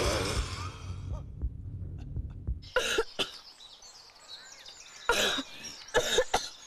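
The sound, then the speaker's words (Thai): A person chokes on food that has gone down the windpipe and blocked the airway, and coughs: a few harsh, forceful coughs in uneven bursts, fairly loud, with strained gasping between them. Low muffled rumbling comes first. “แต่การที่กล่องเสียงของเราอยู่ในตำแหน่งที่ต่ำบางครั้งอาหารก็ตกลงไปในหลอดลมได้และอุดตันทางเดินหายใจของปอดทำให้เราสำลัก”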